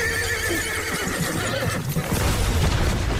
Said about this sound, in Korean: 한산한 밤의 어둠을 뚫고 들려오는 말의 울부짖음 소리에 머리칼이 쭈뼛이 서고 소름이 오싹 끼쳤다.